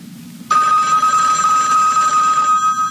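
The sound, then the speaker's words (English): A single sustained bell tone, the top-of-the-hour bell on radio station WBCQ, Monticello, Maine, USA, strikes suddenly after a brief quiet, ringing steadily at a bright, high pitch with shimmering overtones and holding loud to the end. “At the sound of the bell, it's the top of the hour, and it's time for Tom Call Theater.”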